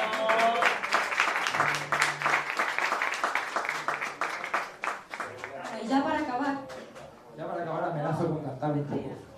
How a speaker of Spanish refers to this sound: Pues fuerte aplauso, que eso todavía es más difícil.